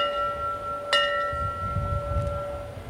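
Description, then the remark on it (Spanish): A memorial bell is struck once in a ceremony honoring those who made the ultimate sacrifice, rung in sets of three; its bright, ringing tone layered over the fading hum of an earlier strike and sustaining steadily to the end over a low background rumble. “The second three rings signify las terceras tres campanas significa que ese deber ha finalizado.”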